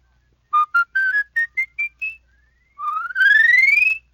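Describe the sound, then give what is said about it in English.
A palate whistle climbs a full octave in seven short, crisp notes, then sweeps upward in one long sliding tone with a fluttering trill at its peak. It is clear and unaccompanied. “Now with your palate whistle, you can run a whole octave.”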